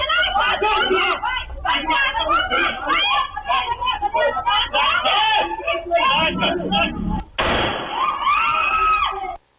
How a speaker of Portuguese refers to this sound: Durante essa confusão, um dos criminosos dispara contra as vítimas. E nesse momento a gente tem uma gritaria, os assaltantes conseguem fugir. A gente separou um trecho para os ouvintes conseguirem perceber a gritaria e também o barulho do disparo.